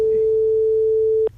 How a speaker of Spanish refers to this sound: Venga, a ver si nos coge el teléfono.